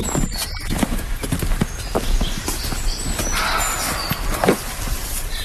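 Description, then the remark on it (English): A roe deer gives a short, harsh bark in the woods, rising over a steady wash of rustling and crunching footsteps. “I'd never had a roe deer bark at me before, but I have now.”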